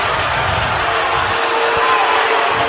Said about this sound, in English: the crowd is reacting to dramatic scenes as far as the replay post-whistle there. And they didn't like that.